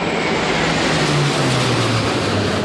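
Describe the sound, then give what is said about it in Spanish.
A loud, continuous roar of three F-18 fighter jets and two A-400 military transport planes from the Zaragoza air base passing overhead a city plaza at midday, with a low engine drone that slowly drops in pitch as the aircraft fly by. No voices. “Por aire, tres cazas F-18 y dos aviones A-400 de la base aérea de Zaragoza han sobrevolado este mediodía la plaza, llegando por la calle Alfonso.”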